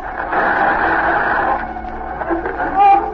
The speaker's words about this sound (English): There's the interference again. Cut off the radio.